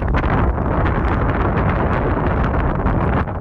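Strong wind roars and buffets the microphone in a constant, loud, rumbling rush, with gusty fluctuations throughout and no voices.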